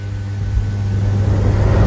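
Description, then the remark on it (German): A cool breeze blowing as a steady, airy whoosh over a low, constant hum, swelling slightly louder across the two seconds, with no voices. “So ein bisschen die kühle Brise, die da so reinschwappt.”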